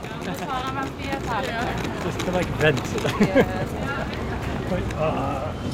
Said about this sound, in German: Leider regnet es und windet es, aber ja.